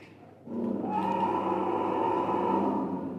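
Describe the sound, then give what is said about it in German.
A loud, drawn-out mechanical roar from a movable animatronic Allosaurus dinosaur figure, bought from America, begins after a brief pause and holds steady, deep and rumbling, until the end with no talking over it. “haben diesen Allosaurus, so heißt der, aus Amerika gekauft und der sollte sie jetzt begrüßen, denn der hat auch, der kann auch brüllen.”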